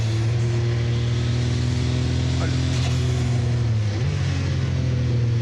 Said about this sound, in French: Là, faut faire super gaffe à l'accélération à la sortie du 180. Parce que c'est un virage en appui, il y a 800 chevaux à gérer.